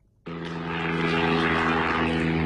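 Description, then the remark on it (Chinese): The Changying 8, China's first 7-tonne-class large propeller-driven transport drone, roars in abruptly after a brief quiet moment on its first flight in Henan, its engine a loud, steady droning hum with a strong buzzing propeller tone that holds throughout. “今年三月底，我国首款7吨级大型运输无人机"长鹰8"在河南首飞。”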